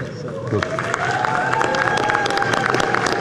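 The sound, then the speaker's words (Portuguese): A crowd of supporters cheers and applauds steadily for a few seconds as Dr. Raíssa Soares, federal deputy-elect for Bahia, is called up, with dense overlapping clapping, shouting voices and a sustained whistle-like cry rising over the noise. It is loud and continuous throughout. “Doutora Raíssa tem até torcida, não é brincadeira não.”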